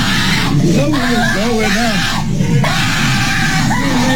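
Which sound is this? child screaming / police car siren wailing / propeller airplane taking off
child screaming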